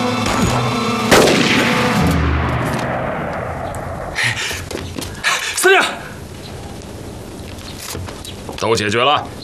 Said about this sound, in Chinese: 你听到外面的枪声没有啊？